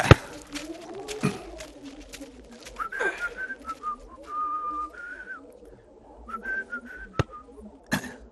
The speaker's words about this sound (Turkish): Hem mezar kazıyor hem ıslık çalıyor. Hiç saygısı yok ölüye. Alışmış artık prensim. Aynı işi yapa yapa etkilenmez olmuş.